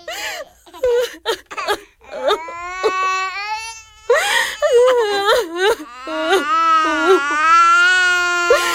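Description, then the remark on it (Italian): Small children cry and wail at night as their family must leave their home, with high, wavering sobs rising and breaking in several long bursts over a few short catches of breath, loud and continuous with no clear words. “Niente, non succede niente, bambini. Dobbiamo solo cambiare casa, non piangete.”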